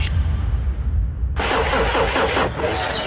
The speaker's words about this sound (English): car won't start. Looks like it's pulled a sickie.